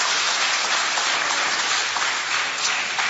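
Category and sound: crowd, audience applauding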